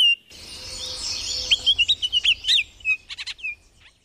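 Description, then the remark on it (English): A songbird sings alone against a soft outdoor hiss at Picnic Point park, a rapid run of clear, high chirping notes that speeds into a bright trill before trailing off. “Change may be the only constant, but at Picnic Point, the song remains the same.”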